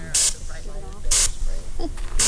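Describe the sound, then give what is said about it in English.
Three short, sharp hissing blasts of aerosol bear spray are fired low at the feet of a fake bear painted on plywood in Petersburg, at roughly one-second intervals, loud, with faint voices murmuring in the background between bursts. “Because if you spray acid, it'll go up.”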